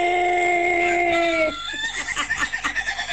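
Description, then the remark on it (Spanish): A recorded rooster crow used as background audio in an "Are You Ready" segment: one long, loud, sustained call that sags in pitch at the end, followed by a run of short, rhythmic bursting sounds. “Hay como una oyente que se quejó porque su novio puso un audio del gallo de fondo en su Are You Ready.”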